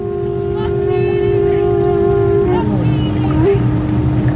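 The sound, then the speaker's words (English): A steamboat whistle sounds one long, loud, steady blast that wavers and shifts in pitch toward the end, over a low engine rumble and outdoor background noise, during an annual classic and wooden boat parade on Lake Rotuiti. “Steamboats, big and small, recalling transportation 100 years ago to the early hideaway homes on the lake here.”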